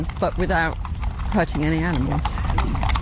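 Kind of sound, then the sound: animal, horses galloping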